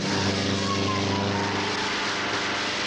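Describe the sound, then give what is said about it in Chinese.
A propeller plane's engine roars steadily, a loud droning hum with strong low harmonics that holds constant throughout, as the plane powers up and takes off, lifting off over a police car trying to stop it. “杜秋开动了发动机，终于从要阻拦他的警车上面腾空飞起。”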